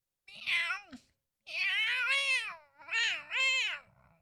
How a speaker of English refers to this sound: Here they come. Go ahead, give it to us. Here come the cats.